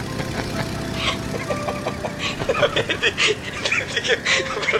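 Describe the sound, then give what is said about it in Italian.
The slightly overheated engine of a single-propeller Cessna sputters and knocks unevenly, a rough rumble broken by irregular pops and bursts that grow choppier toward the end. “Mi scusi, però noi siamo a bordo degli F-35, lei perché è un Cessna? Monoelica, tra l'altro.”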